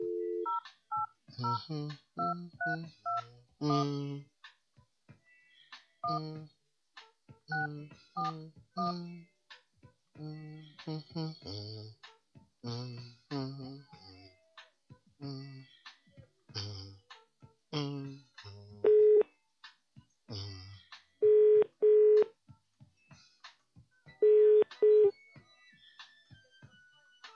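Telephone dialing and ringing: a busy run of short tonal beeps gives way to three loud, steady ring bursts spaced a few seconds apart.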